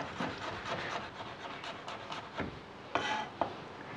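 A knife thinly slicing shallots on a cutting board, with a steady run of quick, soft taps and scrapes and a few sharper knocks near the end, no one talking.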